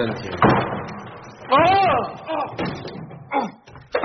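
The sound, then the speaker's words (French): A locked broom cupboard door is tried, with a few knocking thuds and a creaky, whining sweep in the middle, while voice-like sounds come and go around it. “Ça, c'est une porte de placard.”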